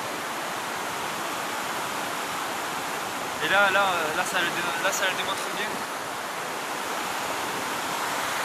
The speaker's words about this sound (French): Ces cascades, cette force. Cette force qui anime. Oui, la montagne est animée, auditeur, auditrice.